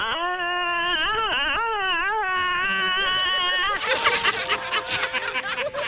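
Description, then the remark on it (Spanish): A voice imitates Tarzan's famous yell: one loud, sustained cry with a wavering, yodel-like warble that rises and falls, then breaks off into laughter and overlapping voices. “¿se acuerda usted del grito que hacía el alarido ese?”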